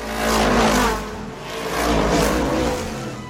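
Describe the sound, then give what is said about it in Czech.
McQueen's race car engine roars and accelerates hard as it speeds back onto the track and into the lead, swelling loudly twice as it revs, with no voices over the steady mechanical whine. “Rychlostí blesku se dostal zpět na trať a hned do čela.”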